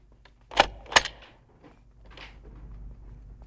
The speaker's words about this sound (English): Gumbold is locking up the office door.